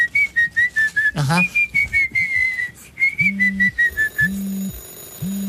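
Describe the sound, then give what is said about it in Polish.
A person whistles a steady, wavering high tone for several seconds with a brief swooping note to trigger a phone finder, then the mobile phone answers with repeated short rising beeps and a high ringing tone. “Teraz jeszcze musisz zagwizdać.”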